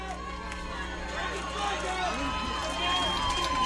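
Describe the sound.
The Johnson Central baseball crowd at Stonecrest cheers after a double, a dense roar of many voices that holds steady and then swells louder toward the end.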